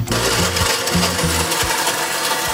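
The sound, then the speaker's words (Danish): A blender on a kitchen counter whirs loudly and steadily, its motor pulsing in uneven low bursts as an Othello layer cake is blended with chocolate milk, with a broad hiss of grinding noise throughout and no talking. “Ned i blenderen med kagen, som så blandes med kakaomælk.”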